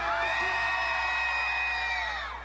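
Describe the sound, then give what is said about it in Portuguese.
A crowd whoops and cheers loudly in one sustained burst of high-pitched shouts and yells, holding steady for a couple of seconds before tapering off slightly at the end. “Quem gostou, dá um gritinho aí!”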